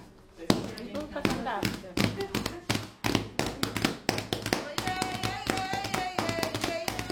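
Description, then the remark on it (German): People clap the rhythm in a steady, rhythmic beat while a woman dances, sharp crisp slaps repeating throughout, with several voices singing along over the clapping in the second half. “Carla tanzt, die anderen klatschen den Rhythmus und singen.”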